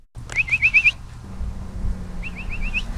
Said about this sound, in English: whistles out the dinner bell for the stray and feral cat colonies she monitors.